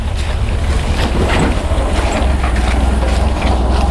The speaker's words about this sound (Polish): Nasz kierowca jest odważny. Trzykołowym motorkiem, który sam z siebie jest bardzo wywrotny. On tutaj zjeżdża w taki wąwóz, a ten trakt, którym zjeżdża, no nie można tego za bardzo nazwać drogą,